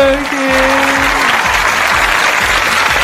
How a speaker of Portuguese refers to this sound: Uma salva de palmas pra ela